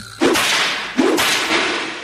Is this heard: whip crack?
yes